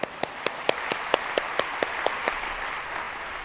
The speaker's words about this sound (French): Je félicite les traducteurs et traductrices qui arrivent à traduire cela dans toutes les langues. On les applaudit.